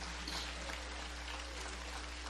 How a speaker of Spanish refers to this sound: Aquí los aplausos ya se oyen como estamos quebrando jícaro.